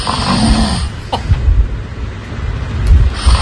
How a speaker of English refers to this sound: I know that I have you snoring here. Oh, please don't find it. Yeah, here we go. Oh, of course, I've got it ready to go.